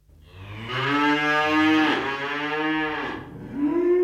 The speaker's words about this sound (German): Ein ganzer Stall voller Klimaprobleme. 120 methanrülpsende Kühe lässt Milchbauer Stefan Büttner von zwei Robotern melken.